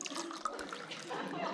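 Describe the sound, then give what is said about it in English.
A drink poured to fill someone's glass in a steady, splashing stream for about a second and a half, with murmuring voices in the background. “Let me fill your glass up.”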